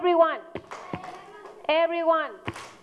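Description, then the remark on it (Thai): A class claps a few sharp hand claps at a steady pace between sung or chanted vocal phrases after the teacher tells everyone to clap, distinct against the voices. “โอเคทีนี้ประเดี๋ยว everyone ตบมือค่ะ”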